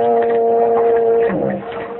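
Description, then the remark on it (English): A foghorn blows a long, steady, low droning tone that fills the air, then wavers and sags near the end as it fades slightly. No voices are heard. “I heard whistle a big ship. No, you didn't. That was just a foghorn.”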